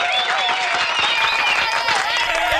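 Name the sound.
standing ovation applause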